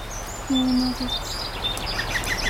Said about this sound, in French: Et il faisait quoi comme bruit celui-là? Coucou, coucou.